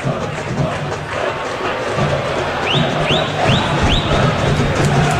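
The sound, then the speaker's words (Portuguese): São Lourenço football fans roar steadily in the stadium at Vila, a dense, loud wash of crowd noise, with four quick rising whistle-like tones cutting through midway. “Guilherme Mordente está mostrando o somzão Bandeirantes aqui na Vila, com a torcida do São Lourenço.”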